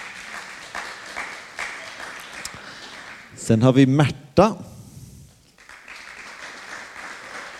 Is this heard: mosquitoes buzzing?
no